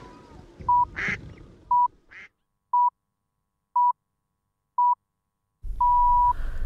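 A Grey Duck (pārera) quacks a couple of times over a soft outdoor background, then a series of evenly spaced electronic beeps begins, ending in one long tone.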